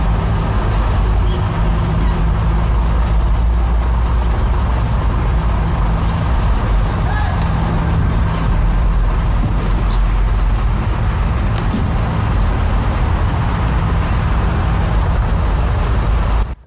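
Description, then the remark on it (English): Steady, loud road traffic rumble with a heavy lorry engine droning while people climb onto the lorry's roof, a continuous low roar and hiss that holds without pause for the whole stretch. “This is now another, like, it's just openly climbing on the roof of this lorry, look.”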